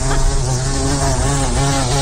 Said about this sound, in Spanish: Suena a mosca gorda. Pues moscardón, efectivamente.